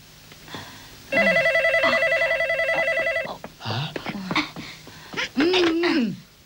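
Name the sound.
telephone being dialed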